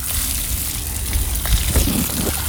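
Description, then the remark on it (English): A shower runs steadily, a dense hiss of spraying water with a few splashy bursts and low rumbles near the end, and no voices. “I'm going to jump into the shower, then we're going to peel the layer back, and I'm going to jump in.”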